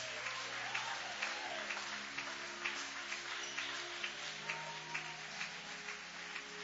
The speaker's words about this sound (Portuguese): Levanta essa mão, bate as palmas e louve o nome de Jesus. Bate as palmas e dá glórias.